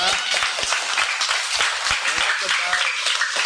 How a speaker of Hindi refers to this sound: सब ताली बजा कर खुशी करा दिए। ताली बजाने से कोई पैसा नहीं लगता है, एक्सरसाइज हो जाता है और चेहरा में गोलाप फूल जैसे खिलता है।